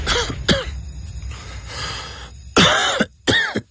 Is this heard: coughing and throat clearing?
yes